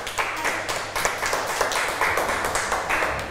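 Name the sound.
applause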